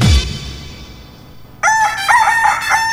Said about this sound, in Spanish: Llegó el momento de echarnos un mañanero. El mañanero con el gallo.